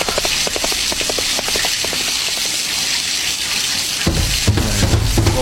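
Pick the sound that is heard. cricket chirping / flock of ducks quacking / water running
water running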